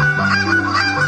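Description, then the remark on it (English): A loud goose honk made with a handheld goose call by a championship goose caller demonstrating his technique, a single sustained nasal blast with strong harmonics lasting about a second, imitating a real goose. “it's … demonstrating his championship goose calling technique.”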